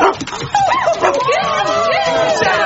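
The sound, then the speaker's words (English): A male dog barks and yips repeatedly at a workplace, its high, wavering cries filling the short stretch, while people can be heard talking in the background. “Whose dog is it?”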